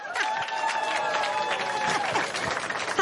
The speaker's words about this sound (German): Deshalb, simsalabim, kommt jetzt ein Zelt hier hoch. Oh nee. Ein Applaus für unsere Zeltcrew.